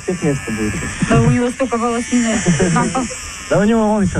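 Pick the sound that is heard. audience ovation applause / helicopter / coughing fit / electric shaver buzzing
electric shaver buzzing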